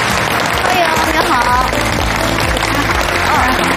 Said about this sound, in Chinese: 我们还要掌声欢迎我们今天的第二位健康导师啊